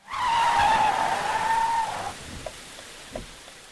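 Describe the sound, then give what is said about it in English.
A silver sedan's tires skid loudly with a sustained squeal for about two seconds as it stops in the middle of the road after racing through pouring rain, then cut off, leaving a few faint clicks and a soft patter of rain in the background. “The silver sedan that had raced through the pouring rain came to a stop in the middle of the road.”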